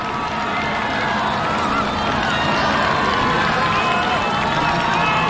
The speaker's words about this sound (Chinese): 越接近主场看台啊，就能够听到现场观众的欢呼声越大。